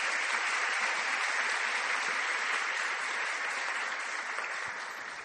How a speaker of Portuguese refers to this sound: É uma honra tê-los aqui nesta celebração. Eu peço para eles, né, uma calorosa salva de palmas.